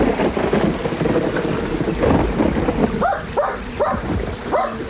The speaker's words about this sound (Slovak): Psíče! Avo, havino! No preskoč potok! Poď ku mne, rýchlo!